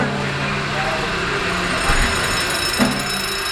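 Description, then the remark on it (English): The steam engine of the SS Jeremiah O'Brien at Pier 35, operated by a volunteer engineer, runs steadily: a loud, continuous mechanical churn with low humming tones and a couple of brief clanks partway through. “Boy, that engine is smooth. I love when that engine takes off.”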